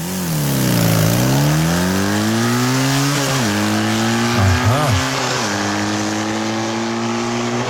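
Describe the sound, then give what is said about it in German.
During rehearsals for the Radio Regenbogen morning show, a motocross bike engine drones loudly and steadily, its pitch dipping and climbing through several revs, with a brief voice heard once over the engine. “die schmeißt sich morgen aufs Motocrossrad”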